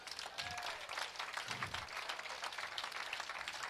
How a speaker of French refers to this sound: Est-ce que vous voulez bon Dieu, un gros applaudissement?